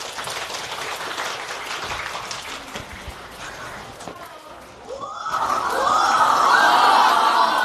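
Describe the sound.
A class of students at Guyue Middle School in Pingshan County, Shijiazhuang, China, breaks into applause to welcome a guest; the clapping grows louder and denser partway through, with excited voices and chatter mixed in.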